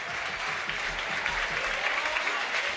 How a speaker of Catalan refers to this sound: Anem a veure com rap l'afició Florin Andone. Doble canvi. Se'n va també Raúl Caballero. Aplaudiments per Florin Andone.